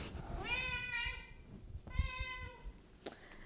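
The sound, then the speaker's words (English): A cat having zoomies lets out two drawn-out meows, the first longer and rising, the second shorter, then a brief knock. The sound is moderately quiet over a low background rumble, with no talking. “My cat is having zoomies.”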